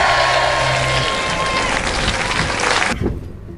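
A crowd applauds loudly and steadily, a dense wash of clapping with some cheering mixed in, lasting about three seconds before it cuts off abruptly.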